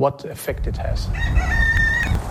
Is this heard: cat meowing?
no